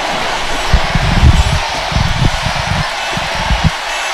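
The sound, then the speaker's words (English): An event crowd roars and cheers on the MC's call for more noise, in a dense, steady wash of noise, with low rumbling bursts rising and falling throughout and no single voice standing out. “Can ye make more noise?”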